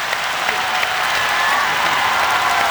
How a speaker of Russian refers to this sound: Подарите маэстро самые горячие аплодисменты!